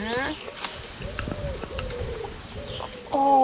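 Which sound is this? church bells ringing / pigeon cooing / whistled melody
pigeon cooing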